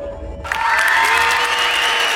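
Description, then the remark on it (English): After a brief quiet lead-in, a community crowd bursts into loud, steady applause and cheering for participants at the Fox Cities Marathon weekend, holding at full strength to the end, with a few shouts and whistles rising above the clapping. “Picture the thrill of our area communities coming together to cheer you on.”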